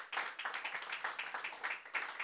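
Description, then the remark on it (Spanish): A church audience claps hands steadily and loudly as an offering of praise to the Lord, the dense overlapping claps forming a continuous wash of rapid, bright percussive hits with a slight rhythmic pulse. “Dele esa ofrenda de palmas fuerte al Señor.”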